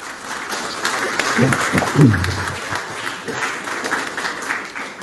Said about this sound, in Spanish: Hay que recibirlo con un fuerte aplauso, por favor.